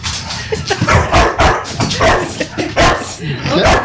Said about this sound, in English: He's barking at the coyote. The stuffed coyote.